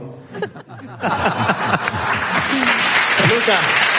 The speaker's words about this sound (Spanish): estamos haciendo el programa en directo en Almería y que sepas que tú, socialista, acabas de arrancar el aplauso de un programa de radio.